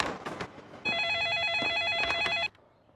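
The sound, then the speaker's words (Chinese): A telephone rings with a fast, warbling electronic trill, one sustained burst of about a second and a half, loud, then cuts off abruptly amid faint background noise. “打个电话。”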